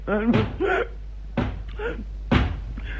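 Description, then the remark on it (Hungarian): Three firm knocks on a door, evenly spaced about a second apart, while voices talk quietly in between and underneath. “Ki lehet az, aki így kopogtat?”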